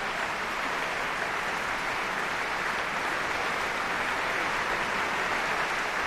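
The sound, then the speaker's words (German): A large audience, many standing, applauds steadily after a live concert by a symphony orchestra of over 100 musicians, a choral society and a mezzo-soprano in the Musiksaal of the Stadtcasino Basel, a dense, even wash of many hands clapping at constant loudness throughout, with no voices standing out. “Applaus auch für die Mezzosopranistin Jasmin Jurias.”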